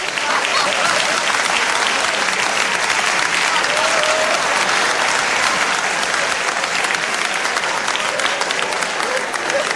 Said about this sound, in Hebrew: היה לקבל אותו במחיאות כפיים סוערות